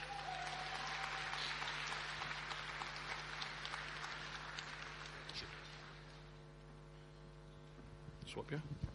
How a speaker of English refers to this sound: And for everything she's done for the last two decades and for this football club, ladies and gentlemen, could you please one more time give a big round of applause